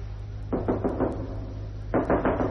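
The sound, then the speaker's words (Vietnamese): Firm knocking on the door of a home, with a demand to open up for a household papers check: a quick series of five or so raps, a pause, then another burst of three, fairly loud over a low steady hum. “Mở cửa xét giấy gia đình, mở cửa.”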